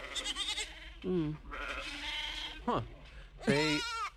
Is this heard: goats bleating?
yes